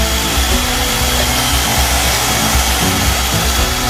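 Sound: electric mixer whipping cream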